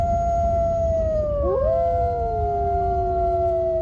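Several wolves howl together in long, overlapping drawn-out tones, one voice swooping down in pitch midway while the others hold steady, over a low constant rumble with no talking.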